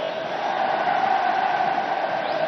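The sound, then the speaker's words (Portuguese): A dense crowd of Fluminense fans at the Maracanã stadium roars steadily during a football match against Remo as a corner kick is awarded, a loud, even wash of many voices cheering together with no single voice standing out and no letup. “Explode a torcida do Fluminense no Maracanã.”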